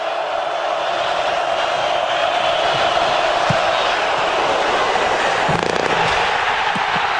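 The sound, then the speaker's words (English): A loud, steady roar from a large stadium crowd at the Ohio State–Iowa college football game in Iowa City fills the whole stretch, with a brief hollow knock of a field goal attempt striking the goalpost partway through and the noise surging afterward. “You can hear the doink there, and of course you hear the crowd in Iowa City.”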